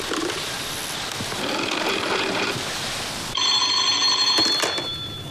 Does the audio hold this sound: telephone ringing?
yes